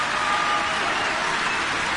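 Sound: concert audience applauding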